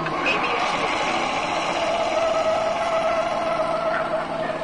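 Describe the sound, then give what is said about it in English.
A car brakes hard with anti-lock brakes on a test track while steering through cones, producing a loud, steady rush of road and tire noise with a faint whining tone running through it, unbroken for several seconds. “You see how ABS lets you keep control of the vehicle while braking?”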